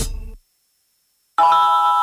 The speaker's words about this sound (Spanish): Tu alarma Verisur ha sido conectada. Esto es lo que suena en tu casa cuando te protege el líder mundial en alarmas.